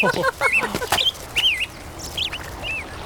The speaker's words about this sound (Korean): 나뭇가지에 앉아있던 새들이 날개를 퍼덕이며 날아올랐다. 새들은 두 줄로 하늘을 날아 건너편 산으로 사라졌다.